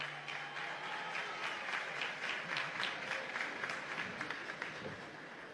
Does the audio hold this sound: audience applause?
yes